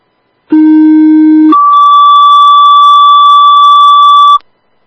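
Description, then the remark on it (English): EMS dispatch alert tones from LE EMS base, retoning for an ambulance driver needed for an ambulance call at Home Depot: a loud, steady low tone lasting about a second, then a higher sustained tone holding for roughly three seconds, with no talking. “Could you tone up for a driver, please? Receive, retoning for a driver, 1402.”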